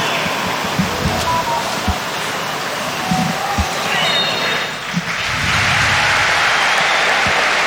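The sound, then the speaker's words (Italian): A stadium crowd at the Maradona stadium applauds at a Napoli versus Arsenal football match, a dense, steady wash of clapping and roar that dips briefly, then swells louder, with scattered low thuds and faint voices underneath. “Applausi del Maradona in maglia azzurra, numeri bianchi e pantaloncini bianchi il Napoli.”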